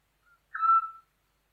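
A single soft, pure whistled note from a Eurasian scops owl, Europe's smallest owl, preceded by a faint brief murmur. The note is clear, lasting about half a second, with silence around it.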